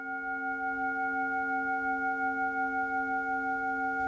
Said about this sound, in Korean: 혹여 울림이 흐트러질까, 누군가 명상에서 깨어날까 염려하며 온 정성을 다해 싱잉볼을 울리는데요.